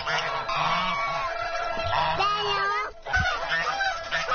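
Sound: domestic goose honking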